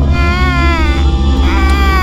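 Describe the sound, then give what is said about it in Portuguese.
A child held in a woman's arms cries in a sustained, wavering wail that rises and falls in pitch, fairly loud, over a steady low rumbling drone in the background. “Aparece pra ele essa mulher com uma criança no colo. A criança chora.”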